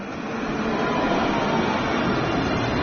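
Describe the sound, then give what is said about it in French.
A tram rumbles past on the tram line at a very busy crossing near the Rosbertin stop, a steady, fairly loud rolling roar with a dense wash of street noise and no voices. “Elle les a retrouvés sur la ligne du tramway à un carrefour très emprunté, près de l'arrêt Rosbertin.”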